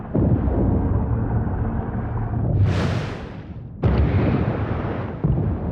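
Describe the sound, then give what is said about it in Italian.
Deep, rumbling underwater seismic survey blasts, used to find what lies beneath the sea floor while searching for hydrocarbons: a dull, continuous low roar broken by a hissing surge, then a second sharp, booming explosion whose rumble lingers. No voices. “Usano le esplosioni per determinare cosa ci sia sotto il fondo del mare.”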